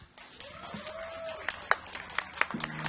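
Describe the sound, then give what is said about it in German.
Scattered applause from an audience for the band: a wash of crowd noise with a handful of sharp, louder claps popping out irregularly, fairly quiet overall, with a faint voice murmuring underneath. “Also, können wir noch einmal einen Applaus für … haben?”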